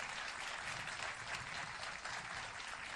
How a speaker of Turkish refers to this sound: Alkışlarınızla … diyoruz. …, evet, büyük alkışlar … ustamız için.